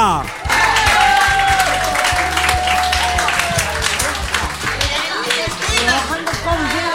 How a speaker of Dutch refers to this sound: Dames en heren, mag ik vragen om hem een warm welkom te geven en een stevig applaus, want hier is hij,